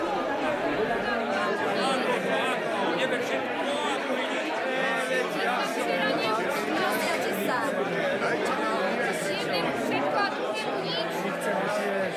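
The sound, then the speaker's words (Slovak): A dense, steady babble of many diners talking at once fills the whole stretch, loud and continuous, with overlapping voices and no single speaker standing out: the host's everyday diners, noisier than usual. “Čo je to za hluk? Nepočujem vlastného slova. Len pokoj, páni. To iba moji každodenní strávníci. Sú akýsi hlučnejší.”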